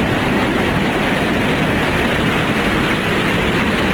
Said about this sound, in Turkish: Hacı Osman metro durağında da su baskını vardı. İstasyon tavanından sızan yağmur suyu adeta şelaleye döndü.